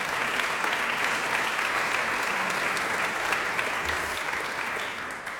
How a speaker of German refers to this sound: Einen großen Applaus